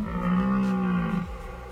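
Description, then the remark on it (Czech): A person vocally imitates a deer's bellow: one long, low, steady moaning tone held for over a second, then dropping off abruptly into quiet. No words are spoken. “Počkej, promiň, zkus napodobit ty to zvuk já toho Jelena.”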